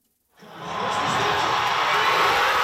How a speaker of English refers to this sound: At a watch party in Toronto, the crowd goes wild. Only one goal in the match between Canada and South Africa.